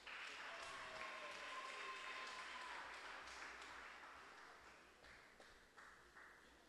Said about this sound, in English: Keep the applause coming for the 2009 Miss Teen Diva contestant.